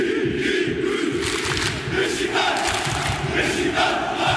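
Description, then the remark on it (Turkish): A huge stadium crowd of Beşiktaş football fans chants and roars together during a match against a French team, a loud, dense wall of massed voices with rhythmic surges that holds steady throughout without pause. “Desibel rekorlarını zorlayan tezahüratlarıyla Fransız temsilcisini baskı altına aldı.”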